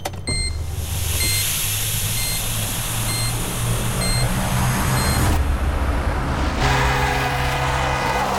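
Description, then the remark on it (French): Steady roar of street traffic with short car-horn beeps sounding in a regular repeating pattern for several seconds, then the traffic rumble continuing alone. No one speaks. “Mais tu vas la bouger, ta voiture ! T'as pas vu que tu bougeais le passage ?”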